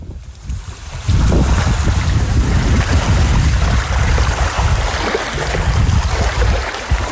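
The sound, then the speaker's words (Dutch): Sea water of Guantanamo Bay, Cuba, beside the fence of the American naval base, washes and churns steadily, a broad rushing texture with buffeting wind on the microphone, swelling in after a quieter first second and continuing without speech. “Het zeewater dat je hoort is het water van Guantanamo Bay.”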